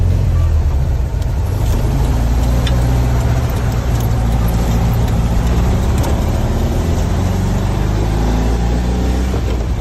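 A steady, loud engine hum with a low, throbbing drone that holds constant throughout, the rattly buzz of an old-generation Volkswagen Beetle's air-cooled engine running without pause.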